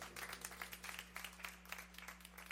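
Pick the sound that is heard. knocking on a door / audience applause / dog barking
audience applause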